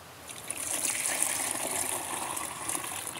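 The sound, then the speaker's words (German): Liquid plant manure pours steadily into water for about three seconds, one liter of manure into ten liters of water, a continuous splashing trickle with a bright, hissy gurgle and no talking. “mach ich mal hier rüber, weil sonst oft daneben gießen, Liter abgießen.”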